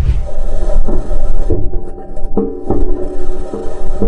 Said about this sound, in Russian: Слышали ритмичный стук? Так звучит марсоход Персеверанс, а точнее его колеса. В отличие от привычных нам земных, они из металла и без резины. Поэтому бесшумного, плавного вождения на Красной планете не ждите.